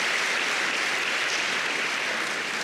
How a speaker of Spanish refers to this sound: Dele palmas al Señor por eso.